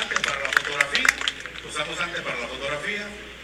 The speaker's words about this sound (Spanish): Un fuerte aplauso hasta el cielo para nuestro fundador de la Semana Cívica.